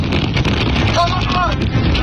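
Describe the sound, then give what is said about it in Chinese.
Strong desert wind in the Hami Dahaidao wilderness of Xinjiang, China, with temperatures up to 44 degrees, roars and buffets the microphone in a steady, loud rush of noise, with a brief faint voice-like tone rising through it midway. “二人入江首站就直奔哈密大海道的荒野秘境，这里的温度高达44度，虽然工作人员告知景区内会刮风，但他们并没有在意，但很快小两口就感受到了新疆大风的威力。”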